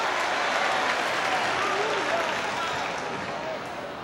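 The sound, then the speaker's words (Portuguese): An audience applauds steadily as a hand of praise to the Lord, a dense, even wash of clapping hands that holds at a loud level throughout, with faint voices mixed in beneath and a slight easing toward the end. “Give the Lord a hand of praise.”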